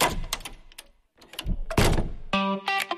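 A heavy armored Eurosegur door, from Accor System Puertas Acorazadas in Cuenca, works through a series of loud metallic clunks and latch thuds as it closes, with a short pause midway, then a bright electronic chime rings out at the end.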